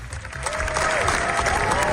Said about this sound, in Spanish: Es la ovación más larga de lo que llevamos del certamen, y los directores españoles lo han logrado con una película que es una carta de amor a Federico García Lorca